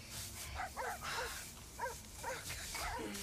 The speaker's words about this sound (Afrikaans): Ach, die honde. Ja, is altijd honde. Maar hulle hoort aan allemaal en aan niemand.